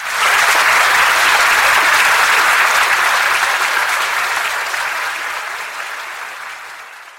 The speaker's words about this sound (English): The applause hit different the second time. I'd thought of it as noise, a distributed process, a denial of service made of approval.